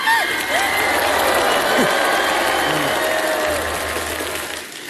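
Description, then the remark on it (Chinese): Steady audience applause fills the whole stretch, a dense crackle of many hands clapping at once, with scattered voices from the crowd mixed underneath before it tapers slightly at the end. “哎，你没有掌声挺奇怪的，反正。”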